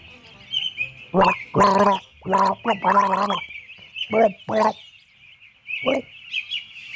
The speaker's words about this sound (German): Ich musste extra Gesangsstunden nehmen dafür. Gurgelstunden. Ja. Das habe ich gleich beim Zähneputzen mitgemacht.